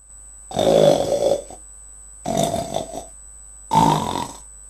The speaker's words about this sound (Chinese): 什么声音这么响？人们吓坏了，以为是妖怪来了。啊，原来是宝贝猪在打嗝呢。